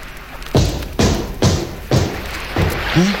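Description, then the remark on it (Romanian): Five heavy, dull kicks strike a steel hull, the back of a steel 'monster' taken for a whale, at a slightly uneven pace, each a loud thud with a short ringing tail, and a brief voice murmurs at the end. “Ia loviți-o cu piciorul.”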